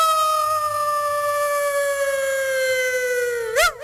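A dog lets out one long, loud howl close by, holding a steady tone that slowly sinks in pitch before breaking into a brief wavering yodel at the end. No voices.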